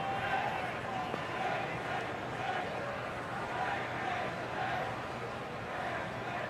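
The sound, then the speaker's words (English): A large baseball stadium crowd at a night game roars steadily, a dense, continuous wash of many voices and shouts holding at an even, fairly loud level throughout. “It's about the rowdiest this crowd has been tonight.”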